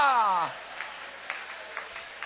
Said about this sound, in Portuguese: Levanta a mão e vai aplaudindo o nome dele.